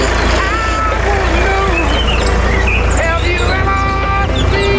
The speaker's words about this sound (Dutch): Ja, haal het op de trekker met wat muziek op de achtergrond.